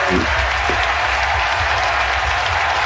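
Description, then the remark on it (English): Loud, sustained audience applause fills the whole stretch, a dense wash of clapping hands with steady intensity and no pauses, and a faint murmur of voices mixed in underneath. “Give her all of the applause.”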